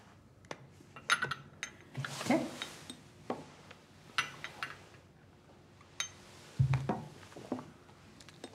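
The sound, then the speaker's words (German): Homemade egg liqueur being poured into a small glass, with scattered light clinks of glass and bottle and a brief soft rushing pour in the middle, no voices. “Darf ich Ihnen ein Gläschen von meinem selbstgemachten Eierlikör einschenken?”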